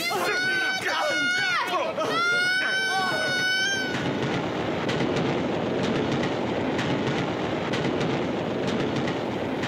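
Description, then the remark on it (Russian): Strained, wailing voices for a few seconds, then a loud, steady roaring rumble of a train rushing past, with faint rhythmic clatter running to the end, as the tail of a troop train speeds by and disappears. “как промчался мимо места его падения хвост эшелона, как скрылся поезд, унося его бывших попутчиков.”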